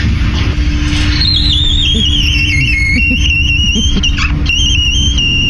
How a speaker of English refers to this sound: It sounds like a really scared mouse. It really does. Yeah. It sounds like the teapot is going off, right? Yeah, that's really what it sounds like there. But people have been sending us their squeaky doors too, which we just love.